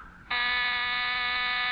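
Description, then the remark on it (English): A doorbell buzzer starts abruptly and holds a steady, harsh, bright electric drone for over a second, loud and unbroken, with no voices over it. “Someone's at the door.”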